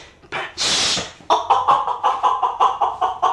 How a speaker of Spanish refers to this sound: Vea, hombre, ya se le salió la gallina a la mujer, mire. Anda para adentro, animal.